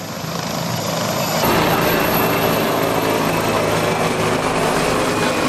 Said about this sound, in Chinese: 伴随着直升机螺旋桨的轰鸣声，直升机飞行表演震撼登场，数架国产直升机依次进场，在蓝天之上完成一系列高难度动作。